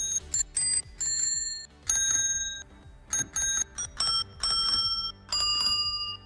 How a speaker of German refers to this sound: welche Sommerhits wir mit einer Fahrradklingel nachgespielt haben. Hier mal so ein Beispiel.